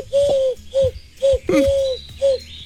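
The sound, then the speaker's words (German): Five hollow, bird-like hoots blown by a person into the fingers of cupped hands, evenly spaced in a steady rhythm, fairly loud with no talking, a human imitation of a cooing pigeon. “Also ich sage, es ist jemand von euch, es ist ein Hörer oder eine Hörerin und die pustet in die Finger.”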